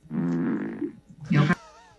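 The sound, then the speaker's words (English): A loud, buzzing fart in two bursts from a woman sitting in a chair while detectives question her in an interrogation room: a long, sustained low rasp, a brief pause, then a shorter, sputtering blast that cuts off sharply. It is prominent. “So this woman was sitting in the chair and apparently might have farted.”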